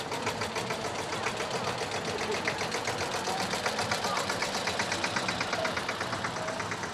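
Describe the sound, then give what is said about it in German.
A tractor engine runs steadily at a folk festival in the Hüppental, its rapid, even chugging rhythm unbroken for the whole stretch, with a dense mechanical rattle and some faint background voices. “Hierher darf kein Auto und schon gar kein Trecker fahren. Aber heute ist Volksfest und fast alles erlaubt.”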